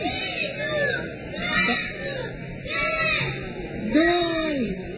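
Several children shout and squeal over one another in continuous, high-pitched bursts, with rising and falling cries repeating every second or so and a steady crowd-like din underneath.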